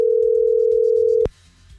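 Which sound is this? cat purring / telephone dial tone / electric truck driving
telephone dial tone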